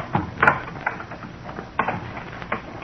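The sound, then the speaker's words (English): Small metallic clicks and scrapes come in irregular bursts, a few sharper ticks standing out, as a house door lock is worked open to get inside. No one speaks. “There, it's unlocked.”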